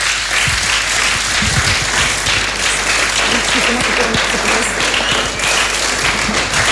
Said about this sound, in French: Super, merci, on vous applaudit.